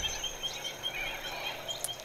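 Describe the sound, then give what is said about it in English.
Birds along the Bega River: short, high, thin chirps repeat in a steady scattered pattern over a constant soft hiss of outdoor ambience, with no one speaking. “There, the birds are from our own Bega River, actually.”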